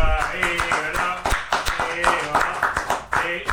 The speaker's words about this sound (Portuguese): Aqui, ó, é uma salva de palmas